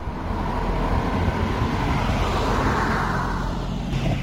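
A car engine rumbles steadily up close, a broad droning hum with road noise that swells slightly as the vehicle pulls in. No one speaks.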